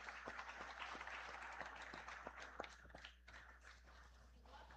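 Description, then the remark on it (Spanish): A crowd at a Eucharist applauds the brothers of Chinda, who are celebrating a feast in honor of Nuestra Señora de la Asunción, many hands clapping in a dense patter that fades a little toward the end, with a low background hum underneath. “También regalemos un aplauso a estos hermanos.”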